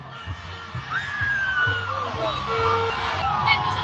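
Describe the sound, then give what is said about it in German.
Two buses drive past at a roundabout, one right after the other, passing within about 5 meters, their deep engine drone and whining gears swelling loudly over a murmur of voices in the street. “Um genau zu sein, sind es 2 Busse, die hier direkt hintereinander vorbeifahren.”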